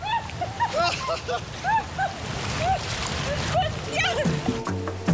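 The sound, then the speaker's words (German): Rushing stream water in a canyon splashes and churns loudly and continuously during a canyoning tour, with voices calling out over the steady roar; the current is very strong and the rocks slippery. “Boah, ist das rutschig hier. Die Strömung ist unfassbar.”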